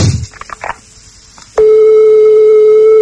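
Faint clicks and rustling give way to a loud, steady telephone ringing tone on an outgoing call to the United States, a single sustained mid-pitched hum that holds unchanged until the end.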